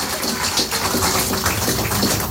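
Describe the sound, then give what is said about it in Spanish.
A burst of applause from a group for disciples of the small community, dense overlapping claps forming a steady, fairly loud crackling wash that holds for a couple of seconds without any voices. “Démosles un fuerte aplauso a estos discípulos que hicieron el esfuerzo.”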